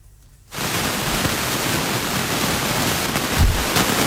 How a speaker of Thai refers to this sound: ฝนตกต่อเนื่องนะครับในอุทยานแห่งชาติเขาหลวงอำเภอพรหมคีรีจังหวัดนครศรีธรรมราชครับตอนนี้ทำให้ปริมาณน้ำเนี่ยไหลลงในน้ำตกอ้ายเขียวแล้วก็น้ำตกพรหมโลกเพิ่มมากขึ้นแต่วันนี้สถานการณ์น้ำดีกว่าเมื่อวานนะครับกระแสน้ำไม่เชี่ยวน้ำไม่ขุ่น